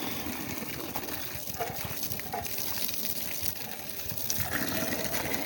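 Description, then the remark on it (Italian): Water pours and runs steadily at the Orso fountain for the whole stretch, a continuous gushing rush with no breaks, swelling slightly louder toward the end. “Ecco, qui è tutto normale, spero che l'acqua non scende.”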